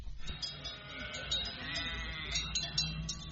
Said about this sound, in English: Polish cities hire flocks of sheep to keep their urban greenery trimmed and tidy, leaving its fleet of noisy and petrol-hungry lawnmowers temporarily redundant.